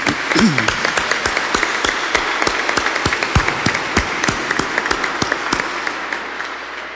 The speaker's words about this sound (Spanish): Vamos a iniciar dándoles un aplauso a todas las mamás del mundo.